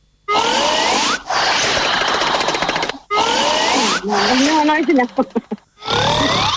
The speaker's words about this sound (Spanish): Ronquido número cuatro.